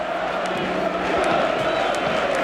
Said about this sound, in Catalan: minut 17-14 de la primera meitat i el Camp Nou torna a cridar independència. Crits acompanyats de, novament, les estelades, milers i milers d'estelades que avui són aquí al Camp Nou.